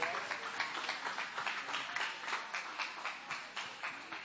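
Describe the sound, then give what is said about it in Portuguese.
A church audience claps in unison in praise of the Lord, a steady, rhythmic beat of many hands repeating about three times a second, fairly loud and dense, with a wash of voices underneath. “Continue exaltando ao Senhor com as palmas que engrandecem ao nome do Senhor.”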